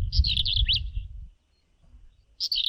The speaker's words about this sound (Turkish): Ötüşü gıcırtılı plit hecesiyle başlıyor ve bunu bilmiyordum. Sıkça kırlangıç ve ebabili taklit ediyormuş.